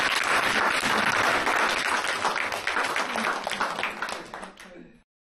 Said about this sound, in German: Ja, jetzt könnten wir eigentlich klatschen. Ja.